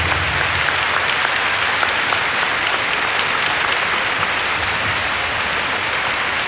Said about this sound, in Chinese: 喺度咧，我首先想借大家掌声啊